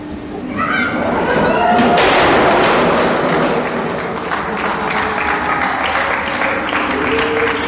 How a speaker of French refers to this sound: C'est sympa de m'accueillir en m'applaudissant. C'est incroyable.